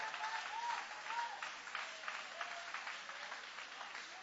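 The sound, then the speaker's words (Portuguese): An audience applauds with steady, dense clapping that holds at an even level for several seconds, with a few faint voices calling out beneath it. “Pode aplaudir, pode adorar, pode exaltar.”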